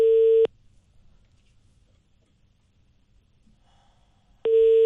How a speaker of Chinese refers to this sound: 我们来尝试拨打一下这个售后王经理的电话啊，看看王经理接不接。